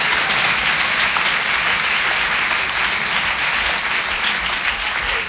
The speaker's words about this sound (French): Mademoiselle, on vous applaudit très fort, approchez-vous.